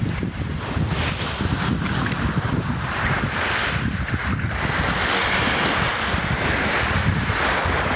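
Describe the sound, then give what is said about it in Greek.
Waves wash steadily onto a shore in a continuous, loud rush of surf, with gusts of wind buffeting and no voices present. “Αυτό τον ήχο της θάλασσας.”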